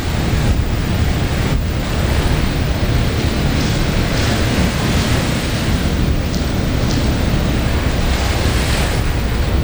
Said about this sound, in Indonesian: Kencang sekali nih gelombangnya.